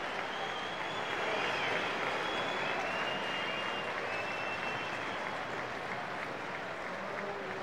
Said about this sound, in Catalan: Però és que fins i tot hi ha aplaudiments